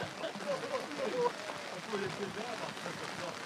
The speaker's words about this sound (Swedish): Oj, vad det regnar.